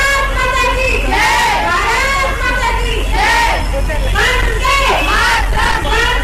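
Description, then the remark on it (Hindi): A large crowd in Bareilly, India, chants the patriotic slogans "Bharat Mata ki Jai" and "Vande Mataram" on Independence Day, in loud, rising bursts of many voices repeating every second or two over a constant roar of hubbub and low rumble. “स्वतंत्रता दिवस के मौके पर भारत माता की जय और वंदे मातरम के नारों से बरेली का आसमान गूंज उठा।”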